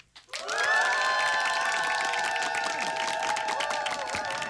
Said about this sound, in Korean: 기상에 성공한 모든 분들께 박수!